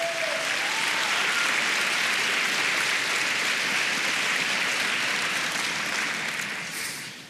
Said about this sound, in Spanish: Dele palmas al Señor.